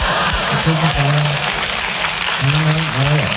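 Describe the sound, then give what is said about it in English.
A live audience claps steadily and densely, a loud continuous wash of applause, with a few voices and some cheering mixed in throughout. “I appreciate your applause, but I don't do this for applause.”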